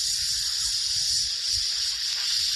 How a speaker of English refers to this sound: It's like a hibachi grill back at Benihana, full sizzle.